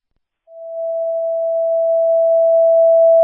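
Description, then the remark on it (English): A dispatch paging tone sounds for Ambulance 42 in Logan, paged for a paramedic medical transfer at Logan Regional Hospital: one loud, steady electronic beep held unbroken for about three seconds after a brief moment of silence, with no voices. “Cash Battalion 70, would you page ambulance 42 for this transfer?”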